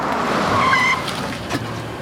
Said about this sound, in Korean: 승범은 급히 브레이크를 밟았다.